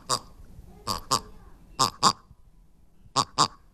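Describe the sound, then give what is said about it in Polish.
Imitated duck quacks from a pink pig-shaped animal toy, demonstrated at an exhibition, nasal and buzzy: a single quack, then three quick pairs separated by short pauses, fairly loud with no talking. “Państwo nie widzą tego, co Reksio, więc dodajmy, że to jest różowy prosiaczek. Który właśnie imitował dźwięk na przykład kaczki.”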